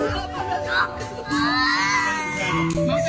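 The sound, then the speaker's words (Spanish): Several children shriek and wail in fright on seeing a worm on a screen after being told they have a worm in their belly from eating sweets, high-pitched overlapping cries rising and falling over about three seconds, loud and sustained with a steady tone humming underneath. “Escucha los gritos que pegan estos niños cuando ven ese gusano en la pantalla, se creen que lo tienen adentro.”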